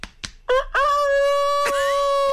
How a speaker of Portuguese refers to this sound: Porque o galo, quando vai cantar, ele não bate as asas? Bate.